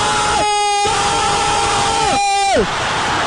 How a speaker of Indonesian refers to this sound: Bagaimana gol di ujung pertandingan membuat sorak-sorai pendukung Brazil.